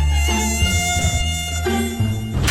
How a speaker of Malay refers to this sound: Nah, kan Abang Sibah dah kata, sekarang ni, nyamuk Aedes banyak.